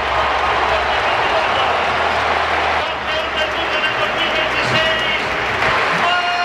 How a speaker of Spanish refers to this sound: Tremendo los aplausos que se lleva el chaval. Toquecito de Coque a la espalda. Rendido el Metropolitano a su futbolista.